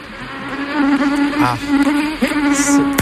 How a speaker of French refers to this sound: Les moustiques sont de retour sur la Côte d'Azur et à Antibes. Ça stresse un peu plus qu'ailleurs puisque le quartier Saint-Claude était touché par un gros foyer de chikungunya, 150 cas au plus fort de l'épidémie l'an dernier.